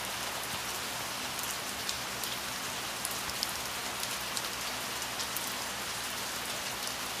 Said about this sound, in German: Draußen der Regen.